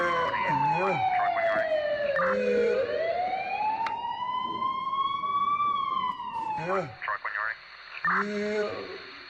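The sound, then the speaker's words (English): A loud ambulance siren in the town of Calabar, the ambulance arriving to take a patient to hospital, sweeps down, slowly climbs back up and holds, one long wail, while brief bursts of voices break in at moments before the siren stops. “Baada ya dakika 13 ambulensi yao ikafika na watu wa huduma ya kwanza wakamtia garini na kumkimbiza katika hospitali ya UTC hapo mjini Calabar.”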